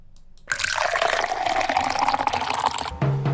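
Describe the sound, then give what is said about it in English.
Coffee being poured into a cup, a steady splashing stream lasting a couple of seconds, its pitch rising slightly as the cup fills, then stopping abruptly. “Pour the coffee, grab the toast.”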